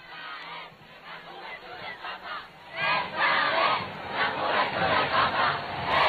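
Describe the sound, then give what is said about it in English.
A large crowd lined along an avenue near the Plaza de Lima in northern Madrid roars and cheers continuously as the Pope slowly makes his way forward, a dense wash of many voices shouting together that swells louder partway through and stays loud to the end. “So the crowds are lined up along that avenue that the Pope has slowly been making his way forward.”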